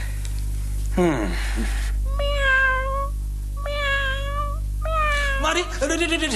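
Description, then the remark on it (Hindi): A cat meows three times in a row, each call drawn-out and wavering, spaced about a second apart, loud over a steady low hum, with brief vocal sounds at the start and end. “ये बिल्ली को मेरे सामने से चली है?”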